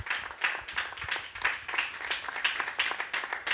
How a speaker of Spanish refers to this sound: Aleluya. Fuerte esas palmas.